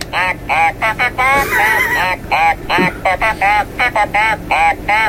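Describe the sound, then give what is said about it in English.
A toy duck quacks when its beak is pressed, over and over in quick, uneven bursts, loud, around a dozen honking squawks tumbling one after another with brief gaps between them. “John's just found out something new about my duck.”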